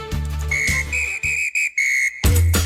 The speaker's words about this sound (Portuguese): E nesse apito a gente traz informações do esporte local, aqui na programação do Momento Notícia.